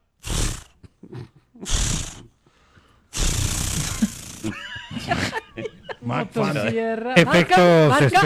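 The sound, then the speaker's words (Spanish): A voice imitates a chainsaw struggling to start as a sound effect: two short, raspy pull bursts, then a longer sputtering roar, followed by talking and laughter. “No, pero estaba sonando bueno el intento de encendido.”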